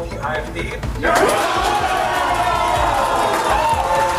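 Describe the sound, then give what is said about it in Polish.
In a hall, a crowd of Alternative for Germany (AfD) politicians bursts into loud, euphoric cheering about a second in, after exit polls announce the AfD's victory in Germany's Mecklenburg-Western Pomerania state election; a dense sustained roar of shouts, whoops and clapping that stays steady to the end after a quieter murmur of voices. “Po ogłoszeniu zwycięstwa AfD w Mecklenburg i Pomorzu Przednim na sali wybuchła euforia.”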